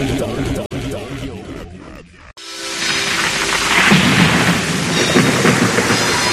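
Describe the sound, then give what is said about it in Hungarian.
After a short stretch of voice-like sound and a brief pause, a loud, steady downpour of heavy rain with rumbling thunder abruptly fills the rest, continuous. “És picit a ma reggeli esős hangulatot megidézve, ugyanis országszerte esőre ébredhettünk”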